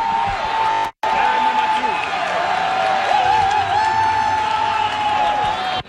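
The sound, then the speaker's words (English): A large soccer crowd of thousands at a FIFA Fan Fest at Old Fort York, by Lakeshore, roars and cheers loudly and continuously as goals go in for Canada, with many overlapping shouts and whoops packed into a dense wall of noise, broken only by a brief cut near the start. “The crowd roaring by Lakeshore when those goals went in.”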